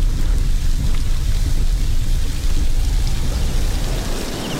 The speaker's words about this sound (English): But daylight is fading, and the rain is making the roads more dangerous by the minute.